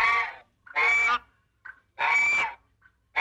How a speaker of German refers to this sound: Habt ihr Bock nochmal die Gans zu hören?